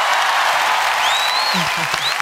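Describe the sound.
A crowd applauds loudly and steadily for a couple of seconds, dense clapping filling the room, with a rising whistle and a few faint voices cheering toward the end.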